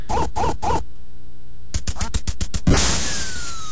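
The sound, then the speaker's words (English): Three quick, loud electronic duck quacks from a duck-shooting game on the original Nintendo Entertainment System (NES), followed by a burst of rapid synthesized pulses and a harsh, noisy crash at the end. “Remember it shipped with the game Duck Hunt, right? You remember this one?”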